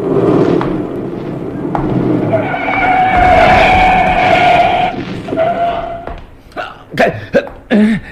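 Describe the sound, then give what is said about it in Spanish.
A car's tires screech loudly in a long, sustained skid for several seconds, then cut off as the car stops short just centimeters from a man, followed by a few brief vocal exclamations. “El auto se detiene a escasos centímetros de Calimán”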